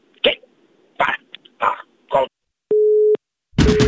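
telephone busy tone

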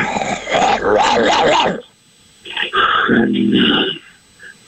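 dog barking and whimpering

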